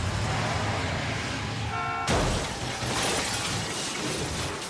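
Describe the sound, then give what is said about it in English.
Loud engine and tire noise builds up, then a sudden violent car crash hits, followed by a long spray of shattering glass and scattering debris, in a film's car chase scene. No one speaks. “The car chase scene and the ultimate crash perspectives are so excellent.”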